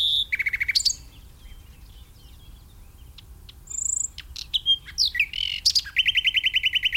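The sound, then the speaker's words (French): A European robin sings high, varied phrases of whistles, quick trills and thin squeaky notes, separated by short pauses, and ends on a rapid, even trill. No one speaks. “un autre candidat pour être parmi les plus fréquents en France, c'est le rouge-gorge”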